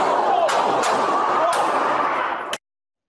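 A gunshot rings out as a sharp, loud crack amid a dense wash of hissing noise, with a few other abrupt bangs scattered before it and silence right after.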